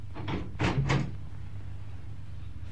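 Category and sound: household object, door opening and closing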